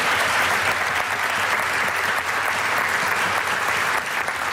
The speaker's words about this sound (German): Das ist nur der große Applaus für die Token von der plattdeutschen Sprache.